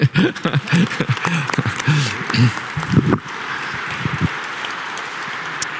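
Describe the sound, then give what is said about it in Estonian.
An audience rises and breaks into dense, steady applause honoring a longtime member, many hands clapping at once; voices murmur over the clapping for the first few seconds before it carries on alone at an even level. “Ja nüüd me tõuseme ja teeme ühe suure aplausi.”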